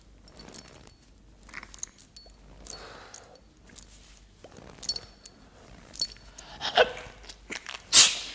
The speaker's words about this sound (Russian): Простудился. Будь здоров.